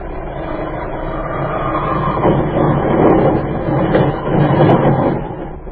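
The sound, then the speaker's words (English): A heavily loaded plane crash-lands at night toward an airfield: a heavy, continuous rumbling roar that swells in rough surges, with rattling and clattering mixed through it and no voices. “The plane is heavy tonight. There's an airfield below. As soon as we are on the ground, run.”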